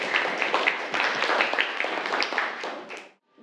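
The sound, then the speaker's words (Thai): A crowd of students in a class claps steadily for about three seconds for group 5 as it is invited to present, a dense patter of many hands that fades out abruptly, leaving brief near-silence at the end. “ขอเชิญกลุ่มที่5ครับเชิญครับปรบมือให้กับกลุ่ม5ด้วยครับนักเรียน”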